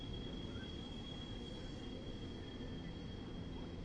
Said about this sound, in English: Train screeching by right there in left field.